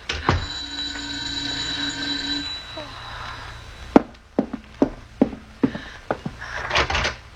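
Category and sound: impact, knocking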